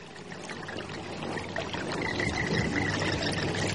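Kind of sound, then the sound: nature, babbling stream water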